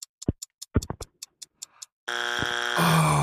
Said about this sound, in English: Oh. No. That's your buzzer